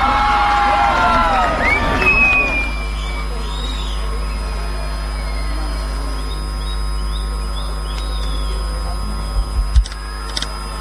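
A crowd claps and cheers loudly with shrill whistles for about two seconds as a guest is welcomed, then the noise drops away to a low, steady background murmur over an electrical hum.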